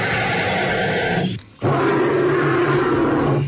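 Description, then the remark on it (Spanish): Two long, loud bird calls from two different birds, separated by a brief gap, each a harsh, rasping, deep roar that sounds like a dinosaur. No one speaks. “¡Los dos son pájaros!”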